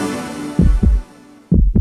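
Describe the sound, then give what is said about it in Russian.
A loud heartbeat thumps in a quick lub-dub pair, then starts another beat a moment later, deep and muffled over a faint steady hum. “Ощущаешь тяжесть в сердце, учащенный пульс?”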